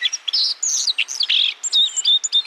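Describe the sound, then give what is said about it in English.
A white-throated sparrow sings, a busy stream of high chirps and thin whistled notes running without pause, clear, with no voices. “The white-throated sparrow travels well into northern Canada during the breeding season.”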